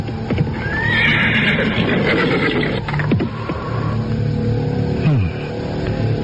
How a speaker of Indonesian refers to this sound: Arya Kamandanu terus memacu kudanya dan kemudian menghentikannya di sebuah kaki bukit kecil.